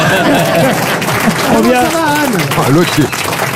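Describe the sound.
A studio audience applauds with a steady wash of clapping, while voices cheer and talk loudly over it from close by.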